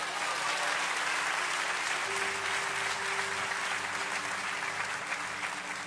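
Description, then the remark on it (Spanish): An audience applauds God during a sermon, steadily for about six seconds, a dense, even wash of many hands clapping at a loud, constant level, with a faint sustained tone underneath and no talking. “Den un aplauso a Dios.”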